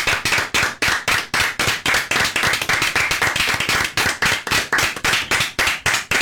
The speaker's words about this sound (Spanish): Muy bien, señores, de pie. Y un aplauso, por favor. Sí, aplausos.